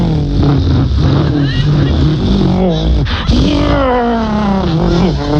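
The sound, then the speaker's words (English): Loud race car engines roar continuously as the cars circle a track, their pitch climbing and dropping as cars sweep past one after another, with a sharp pass midway through. “But I'm just suggesting, on the radio, are you sure car racing on the radio? Is there really a market for listening to 3 hours of”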